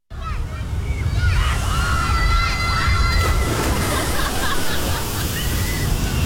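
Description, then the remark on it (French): Water sloshes and churns steadily in the neighbours' spa, a continuous rough wash of sound, with faint overlapping voices and high warbling tones drifting above it. “depuis quand les voisins ont un spa?”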